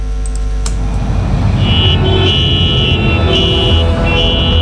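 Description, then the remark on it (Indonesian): Car horns honk repeatedly in long, overlapping blasts over a steady, heavy rumble of traffic in a traffic jam, with the horns sounding loud. Nobody is speaking. “Woi, maju, maju, transit, macet.”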